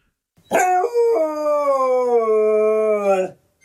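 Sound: dog howling loudly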